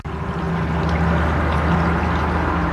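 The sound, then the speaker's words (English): Steady rushing river water flows continuously at a fairly loud level, a broad wash of noise with a low hum underneath and no voices, at the river by a town's edge where everything is green. “Here by Oxeye's River, everything is green.”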